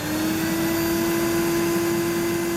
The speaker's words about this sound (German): Kein Scherz, echt ein Staubsauger. Warum auch immer seine Wahl ausgerechnet darauf gefallen ist.